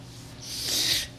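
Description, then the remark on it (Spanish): A single long, deep breath, rising to a breathy rush and fading after under a second, with no talking. “Estamos respirando profundo porque los temas están precisamente encolumnados para la programación de esta tarde.”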